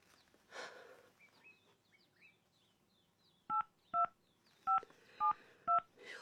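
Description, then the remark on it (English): Five short, distinct keypad beeps of dual-tone dialing as another telephone number is dialed, evenly paced and loud, after a brief rustle with faint chirping in the background. “Let me try the other number.”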